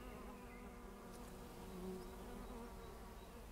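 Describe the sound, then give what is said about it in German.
A steady, dense drone of many bees and insects buzzing together outdoors in a rapeseed field, continuous, with individual insects briefly swelling louder as they pass. “Da ist Leben drin, da sind viele Bienen und Insekten drin. Hört ihr das?”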